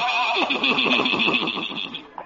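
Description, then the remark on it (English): A horse pulling a buggy neighs loudly in one long, shrill whinny, its pitch sliding down and quavering for about two seconds before it cuts off. “Old Doc Yak Yak and his horse and buggy.”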